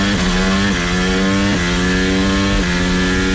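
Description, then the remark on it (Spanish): A loud, high-pitched Formula 1 engine screams continuously on the urban street circuit in Madrid, its buzzing tone stepping abruptly through several gear changes at regular intervals before holding steady again, with no voices. “La Fórmula 1 en el circuito urbano que entusiasma a los aficionados y a la Comunidad de Madrid, pero irrita a gran parte de los 14.000 vecinos directamente afectados, que van a soportar ruidos muy superiores”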